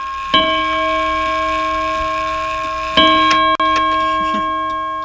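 A clock named Leroy Anderson chimes twice, about three seconds apart, each bright metallic tone ringing out and slowly fading, with faint ticking underneath. No one speaks.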